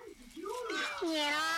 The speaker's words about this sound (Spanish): Ah, no, un gato.